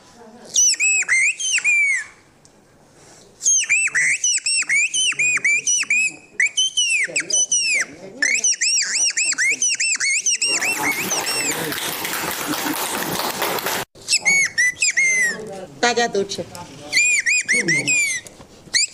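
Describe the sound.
A person whistles an imitation of birdsong as a performance for people eating in a village: rapid, high, warbling chirps and trills in loud bursts, broken by a brief pause and a stretch of rushing noise, with a few spoken words.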